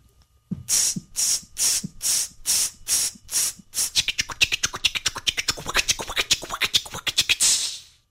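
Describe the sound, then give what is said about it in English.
A dog scratching at fleas: about eight slow, evenly spaced, hissy scratching strokes that speed up into a rapid, dense flurry before stopping. No one talks. “About all I'm good for these days is scratching fleas like this.”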